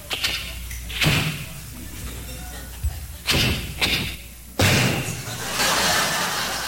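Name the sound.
car door slamming shut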